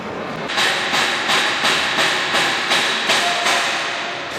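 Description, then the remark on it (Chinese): Loud, steady hammering at the construction site of the Asian Games freestyle BMX venue: about eight sharp metallic strikes at an even pace, roughly two per second, over a constant background hiss, with no talking. “响亮的敲打声带着我们继续探访的是亚运会自由式小轮车的比赛场地，它就紧挨着电竞馆，红黑色配色非常的显眼，看上去完成度比较高。”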